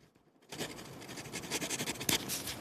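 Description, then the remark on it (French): A pen scratches steadily across paper, a soft continuous rasp with quick rhythmic strokes, starting after a brief quiet moment, as someone writes down a note. “Est-ce qu'on va entendre le bruit du stylo?”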